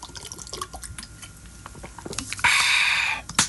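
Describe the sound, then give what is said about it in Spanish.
Someone sips a drink of water: faint wet clicks and drips, then a louder, steady rush of liquid for about a second near the end. No talking. “déjame echar un traguito de agua, chaparrita.”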